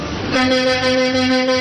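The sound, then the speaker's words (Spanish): A loud truck horn blares in one sustained, steady blast after a brief moment of rumbling engine noise, with low traffic rumble continuing underneath, as more than 15 trucks queue at the Palacio de los Deportes to load aid for disaster victims. “En este momento son más de 15 camiones y mulas las que están haciendo fila para cargarse con apoyos y solidaridad para todos los damnificados en el país.”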